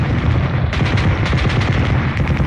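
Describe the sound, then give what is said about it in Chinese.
Intense battle gunfire from a radio broadcast about a Communist attack on Nationalist troops in the Dayin Mountains crackles in dense, overlapping bursts while heavy artillery booms rumble underneath, loud and continuous throughout with no voices. “这场战斗进行得十分激烈，听着这枪炮声，我真切地看见了自己内心深处的恐惧。”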